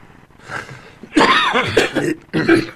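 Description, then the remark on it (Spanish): Two people cough in a radio studio in winter: a run of harsh coughs in two loud bursts, the first longer and raspy, the second a shorter hack, with a faint murmur before them and no clear speech. “Estamos los parece dos tosiendo.”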